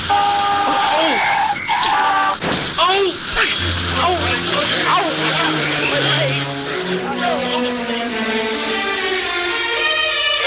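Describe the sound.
Traffic roars as cars rush past a boy riding a bike among them, engines droning and pitches sweeping, with a brief screech of tires skidding; indistinct voices blend into the busy, continuous street noise.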